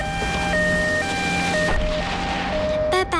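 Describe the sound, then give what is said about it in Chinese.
An ambulance siren wails in a steady two-tone hi-lo pattern, switching pitch about every half second, loud over a bed of traffic rumble, with a brief horn-like burst near the end. The ambulance is stuck in a traffic jam behind cars, which make way for it. “哎，对对，哎，前面的车，对不起啊，后面有一辆救护车，大家让一让啊。”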